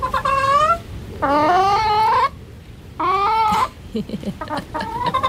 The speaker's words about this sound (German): Ja, so klingt das dann. Beste Singstimme, würde ich sagen. Also, dann mal ran an den HR4-Hit. Welches Lied gackert Zeus da?